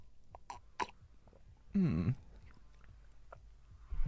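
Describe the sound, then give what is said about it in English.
Close-up mouth noises of someone drinking: a few small wet clicks, then one loud gulping swallow of water midway, followed by quiet breathing. “I can't take that big sips.”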